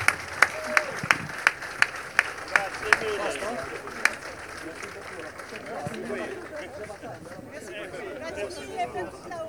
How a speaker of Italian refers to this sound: mentre prendiamo quella fotografia ufficiale, vi chiedo di tributare un applauso all'equipaggio di France One, premiato con il premio Assonautica Imperia.